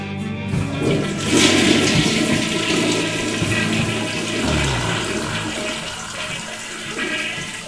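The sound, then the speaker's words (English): A toilet flushes loudly, a broad rushing swirl of water that surges within the first couple of seconds and keeps gurgling and draining steadily to the end, with no voices. “Now you can flush them, sir.”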